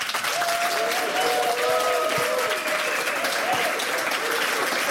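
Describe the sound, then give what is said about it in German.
A large audience applauds steadily for the full five seconds, a dense, even wash of clapping with a few faint cheers or whistles rising above it, and no one speaking. “Es sind sehr viele Menschen anwesend und das klingt folgendermaßen.”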